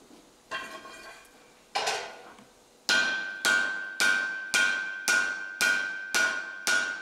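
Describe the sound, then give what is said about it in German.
A blacksmith's hammer strikes hot steel with ringing clangs while forging an axe: a few slow, spaced blows, then a steady run of about eight louder, evenly timed strikes, without talking. “Ich darf aber andererseits auch nicht zu kalt draufschlagen, weil sich sonst Risse bilden können im Material.”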